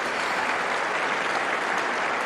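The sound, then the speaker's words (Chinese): Steady, dense applause from a large tennis crowd fills the whole stretch, loud and continuous with no breaks, after Sabalenka serves an ace in the first set. “也是起立鼓掌”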